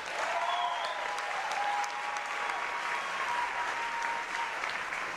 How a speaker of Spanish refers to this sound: Aplauso para Puerto Rico.